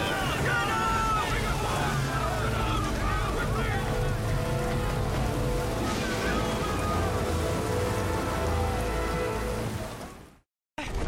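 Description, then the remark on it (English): A boat pitches out of control through stormy ocean swells, with loud, steady rain and churning waves filling the scene and indistinct voices mixed in, before everything cuts off abruptly near the end. “Losing control of the boat on these swells.”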